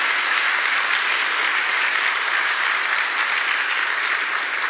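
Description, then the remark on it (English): A large church audience applauds steadily to honor their pastors and leaders, a dense wash of many hands clapping at once that holds at an even, fairly loud level throughout with no voices standing out. “Pastor, forgive me, I'm old school, so I grew up in Baptist church, so we clap a lot.”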